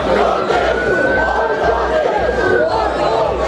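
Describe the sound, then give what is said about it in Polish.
A dense crowd of rioters roars and shouts continuously during evening riots in Southampton, many overlapping voices forming a loud, chaotic wall of noise with occasional rising yells cutting through. “A do takich zamieszek doszło wieczorem w Southampton.”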